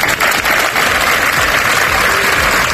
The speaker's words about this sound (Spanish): Este lunes se han guardado varios minutos de silencio en distintas concentraciones que han terminado con este aplauso como muestra de repulsa.